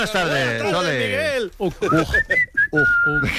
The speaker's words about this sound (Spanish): como silbes, te echo automáticamente.